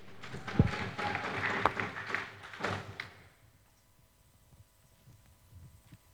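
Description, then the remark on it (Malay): A burst of audience applause for the teams at a quiz competition semifinal, with dense clapping for about three seconds, then it quickly dies away, leaving a faint low hum and scattered soft sounds. “Sekali lagi beri tepuk tangan kepada masing-masing regu.”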